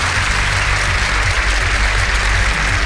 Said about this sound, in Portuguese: E aí, agora sim, hein? Palmas para o domingo.